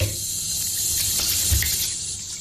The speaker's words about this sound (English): Okay. So, warm water.